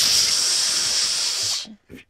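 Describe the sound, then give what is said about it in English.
A person imitates the long, slow hissing exhale some gym-goers make while working out, a steady breathy hiss lasting about a second and a half before it cuts off, followed by a brief softer breath. “They're like doing this slow balloon release thing.”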